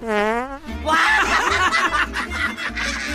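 A short, buzzy fart rings out for about half a second, quickly followed by breathy snickering and stifled laughter that carries on to the end.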